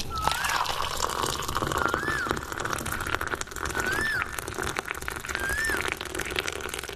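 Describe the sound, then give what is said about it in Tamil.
Aloe vera juice pours steadily into a tumbler for several seconds, a continuous splashing, gurgling stream, while a few short high chirps from birds sound in the background. “டம்ளர்ல ஊத்துப்பா.”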